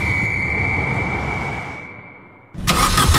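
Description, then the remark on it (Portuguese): A car that has broken down 200 km from home struggles and fails to start, its engine rumble and whine sagging and dying out, followed by a sudden loud burst of hissing noise. No one speaks. “Quando o carro avariou a 200 km de casa, a sorte foi ter a assistência em viagem do ACP.”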